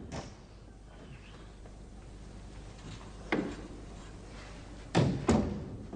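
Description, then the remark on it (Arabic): A door swings shut with a few sharp thuds and clicks, the loudest pair landing in quick succession near the end, over a quiet indoor background; someone coming in shuts the door behind them. “دش يما دش وصك الباب وراك دش.”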